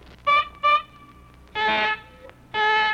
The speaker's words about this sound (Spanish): si se suena como pito de carro, mire.